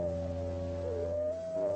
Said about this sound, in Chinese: 为此，他们发展出了一整套沟通方式，很多时候并不需要开口。每匹狼嚎叫的声音都不一样，